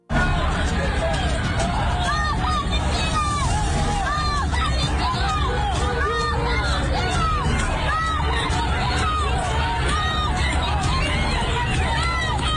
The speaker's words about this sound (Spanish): Después de esto se desataron una serie de protestas que se han mantenido durante horas justo en esa zona y en Austin, Texas. Así se han escuchado algunas de esas manifestaciones.